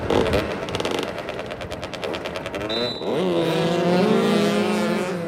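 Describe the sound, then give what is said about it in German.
Motoball: loud motorcycle engines race and rev as players ride over an asphalt football pitch, starting with a rapid sputtering rattle before the pitch climbs into a sustained, rising whine as the bikes accelerate. “Motoball heißt, vier Spieler pro Mannschaft rasen auf Motorrädern über ein asphaltiertes Fußballfeld und versuchen, einen 40 cm großen, 1 kg schweren Ball im gegnerischen Tor unterzubringen.”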